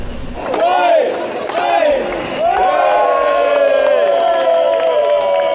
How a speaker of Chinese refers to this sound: 人气高涨的园艺项目赛场，德国选手率先完成木桥搭建，开始布局绿植。摩肩接踵的观众爆发出阵阵欢呼。